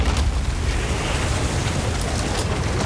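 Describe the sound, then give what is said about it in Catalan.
A huge barrel full of black beer bursting at a brewery in London, heard as a loud, sustained rumbling roar with deep booming low end and a hissing, rushing wash on top, steady, with no voices. “El soroll de l'explosió és tan gran que se sent des de mig Londres”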